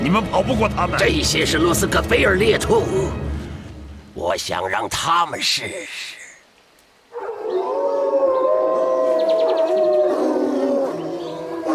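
Several wolves howl loudly, their long rising and falling cries overlapping, then a brief lull before a steadier, drawn-out chorus of howls swells up close.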